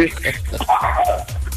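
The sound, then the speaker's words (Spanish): A dog barks a few times in quick bursts, with people talking over and around the barking. “Hasta el perro la está haciendo de tos.”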